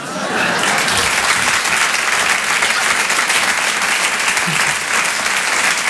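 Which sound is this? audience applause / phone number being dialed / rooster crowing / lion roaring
audience applause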